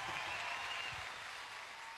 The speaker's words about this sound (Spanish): Fuerte el aplauso y de pie el aplauso, creo que amerita.